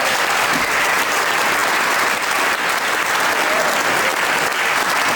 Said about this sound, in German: Das haben die störungsfrei über die Bühne geschossen. Ich denke, das ist ein Applaus wert.